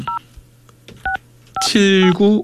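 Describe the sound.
Three short, clear telephone keypad beeps sound one at a time with uneven pauses between them, then a person starts talking right after the last tone.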